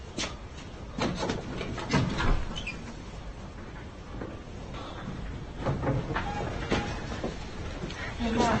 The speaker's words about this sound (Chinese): 我去开门。